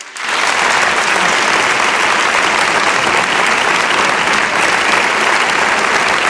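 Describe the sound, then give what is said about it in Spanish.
Sustained audience applause on a show, welcoming a female guest at the host's request, a dense, steady wash of many hands clapping at a loud, even level that swells in quickly and holds for several seconds without any talking over it. “Os pido un aplauso para ella también.”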